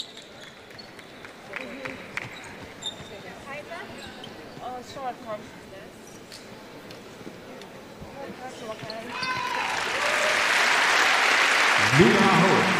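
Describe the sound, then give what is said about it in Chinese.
Arena crowd applause during the first quarter of a game involving Hungary, as player Aho gets back up after a hard collision. The applause swells up from arena murmur and a commentator's voice, growing into steady, loud clapping that fills the last few seconds. “阿霍重新呢站起来，现场的观众也被他送上掌声。”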